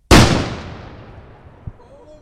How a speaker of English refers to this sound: It's a shotgun start tournament, but Yellow Pine does things with more flair, a mini cannon.